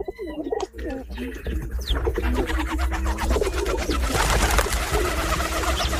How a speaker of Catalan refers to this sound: En aquest capítol heu escoltat el cant d'aquests ocells. Colom roquer. Colomba líbia. Au habitual en camp obert durant tot l'any.